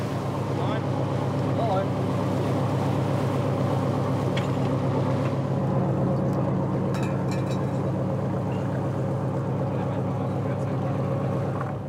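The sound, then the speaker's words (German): A water police patrol boat engine drones steadily and loudly for the whole stretch as it heads to a shrimp fishing cutter for a routine fisheries inspection, a deep continuous rumble with steady harmonic hum, plus wind and water noise around it. “Wir führen eine ganz normale fischereirechtliche Kontrolle durch und werden jetzt zu diesem Kutter fahren.”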